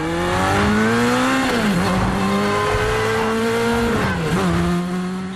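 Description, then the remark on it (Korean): Loud engines of police cars and motorcycles roar and rev continuously, pitch rising and dipping as they shift gears, with tires squealing as they burst from a side alley and closely pursue a car through city streets in a fast-paced chase; no talking. “에단이 다른 골목으로 우회전하자 옆 골목에서 튀어나온 경찰차와 오토바이들이 에단을 바짝 추격한다.”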